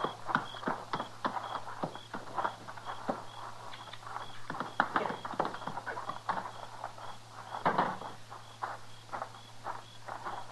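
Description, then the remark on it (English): A horse's hooves clip-clop steadily at a slow walking pace as the horse is led inside, a series of sharp knocks over a low hum, with no voices. “Get his horse inside.”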